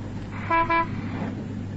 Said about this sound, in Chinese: 汽车飞驰在郊外绿树成荫的公路上，道旁那菜禾丰收的田野，青葱蓬勃的杨柳，使得田丰人目不暇接。